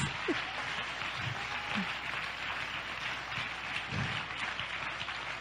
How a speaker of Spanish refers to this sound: ¡Oh, dale un aplauso a mi Dios en esta hora! ¡Ayúdanos!